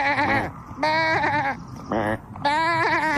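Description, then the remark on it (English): A person imitates a goat to talk to a goat, letting out several wavering, nasal bleats in quick succession, loud, with brief pauses between each cry. “Yeah, you have to talk to it in goat.”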